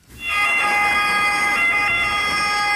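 An ambulance siren blares loud and steady for a few seconds, a bright, high, piercing wail with strong harmonic overtones and a slight wavering in pitch, with no talking over it.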